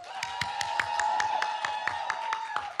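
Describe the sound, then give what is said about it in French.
Audience applause at the Média Humour Scène evening at Césure, broadcast on Radio Campus, in quick, evenly spaced claps, almost in unison, over a steady sustained tone. Moderately loud, lasting a few seconds with no voices. “on fait un grand tonnerre d'applaudissements.”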